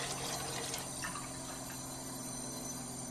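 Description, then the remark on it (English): Unfiltered tap water pours steadily into a container to be tested with an electronic parts-per-million meter, a continuous rushing splash with a faint steady hum underneath, with no talking. “First thing we'll do is get some unfiltered tap water.”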